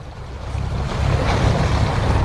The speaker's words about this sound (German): Das Meer rauscht, denn wir sind auf Lampedusa, unterwegs auf einem Patrouillenboot der italienischen Küstenwache.